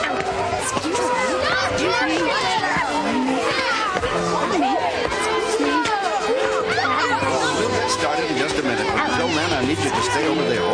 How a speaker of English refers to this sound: This is some crowd. You're telling me. There must be 100 people here. At least.